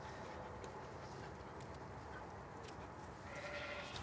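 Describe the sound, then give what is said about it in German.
Sheep bleat now and then over a steady, dense background rustle of a flock, during a break in shearing, as the sheep pull hay from the hay bales to nibble, with a brief higher bleat near the end; no one speaks. “Und auch die Schafe haben was zum Knabbern gefunden.”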